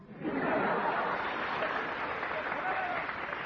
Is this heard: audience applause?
yes